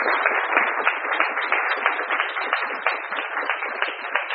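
A crowd applauds steadily, dense overlapping claps forming a sustained, even wash of sound at moderate loudness that holds for the whole stretch with no voices on top, applauding a member of the Asamblea Alto Valle Libre de Fracking at a speakers' presentation.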